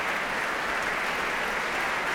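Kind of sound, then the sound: crowd, audience applause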